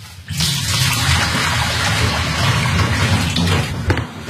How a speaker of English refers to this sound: And then remove the tap handle, take off the top, and pour all the sterilising liquid out.